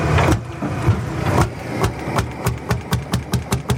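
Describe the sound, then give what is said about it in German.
An old, simple water-cooled diesel tractor engine without electronics chugs steadily, its rhythmic knocking beats speeding into a regular clatter with a low rumble underneath, fairly loud without any voices. “Венік ще слышаш, як старий мотор клінци.”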